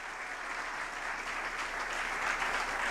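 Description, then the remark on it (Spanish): An audience applauds the Lord during a church sermon, a dense wash of many hands clapping at an even, sustained level throughout, with no voices standing out above it. “Ese aplauso, sí, al Señor, que es el que nos habla.”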